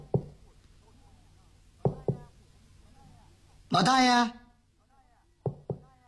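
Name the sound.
knocking on a door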